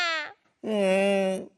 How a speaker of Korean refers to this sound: 이 그림을 보니까는 마치 그거 같아. 부엌에서 만난 그 고양이 소리 같지 않아? 약간 배고파서 짜증이 난 고양이 소리일 것 같아.